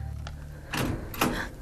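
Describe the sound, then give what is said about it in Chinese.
A bank door is unlocked and pushed open in two quick mechanical bursts, a rattling scrape followed by a second louder clunk and slide, over a low steady hum, with no voices. “哦，别这样，我开门。”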